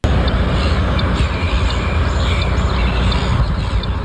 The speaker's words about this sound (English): Off the side of a highway and over 10 kilometres from the beach, the squawking of a flock of seagulls might catch you off guard.